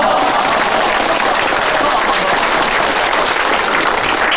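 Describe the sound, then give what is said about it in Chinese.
A crowd at an evening village meeting in Minning Village breaks into steady, dense applause, many hands clapping loudly and continuously throughout, with faint voices mixed into the wash of claps. “鼓掌鼓掌。”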